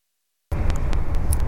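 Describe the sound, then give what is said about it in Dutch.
After a brief silence, the steady low rumble of a bus engine and road noise comes in as the bus stops for a break at a bus stop, with a few faint clicks and hisses over the drone. “We houden even pauze, want de bus houdt ook pauze.”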